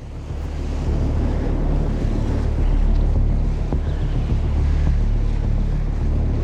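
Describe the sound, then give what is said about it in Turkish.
Strong wind roars steadily against the microphone at a rocky point on the shore where someone is fishing, with a deep rumbling buffeting and a constant wash of surf beneath it, loud throughout with no one speaking. “Rüzgar şimdi gerçekten de esiyor.”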